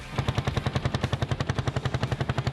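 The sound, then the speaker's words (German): Many two-stroke engines of vintage vehicles run with a fast, steady, popping putter, about ten beats per second, loud and unbroken, no voices, at the 19th Oldtimer show in Lauta, Marienberg, on 23 May 2026, in splendid weather. “Mit dem Duft sowie dem Sound vieler Zweitaktmotoren wurden die Leute begrüßt.”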